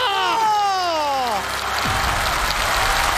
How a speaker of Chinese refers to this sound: 再来一个， 要掌声啊！ 掌声！